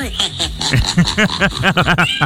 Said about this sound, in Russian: просто там коты же делал так, мя, замедлили в 10 раз, воспроизвели, и оказалось, что он просто адски ржет. Сейчас поставлю, как это да, звучало.